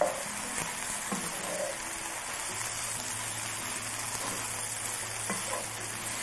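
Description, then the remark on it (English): Steady sizzling of mushrooms and onion cooking down in a pan, with occasional scraping and clinking as they're stirred. The broad crackling hiss runs continuously throughout, with no one talking. “Okay, let's give this some time to cook down. And I always add salt. You like to season as you go so that those liquid from the mushrooms comes out, the juices from the onion will all come out with the salt.”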